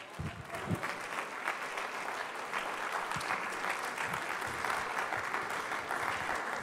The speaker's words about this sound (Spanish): Puede sentarse, dar un aplauso fuerte a Jesús.